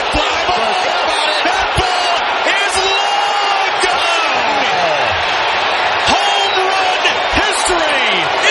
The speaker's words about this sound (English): They're wondering why they're cheering. Wow. That's what the fans came to see.